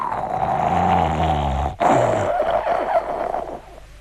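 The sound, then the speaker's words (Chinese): A voice imitates a young man's loud snoring in a story: two long, rasping, guttural snores separated by a brief breath gap, forceful, trailing off at the end. “那个说别哭别哭，哎，你听什么声音？再听傻小在那块打呼噜呢。”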